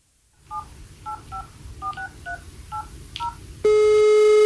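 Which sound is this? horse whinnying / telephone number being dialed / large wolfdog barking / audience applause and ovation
telephone number being dialed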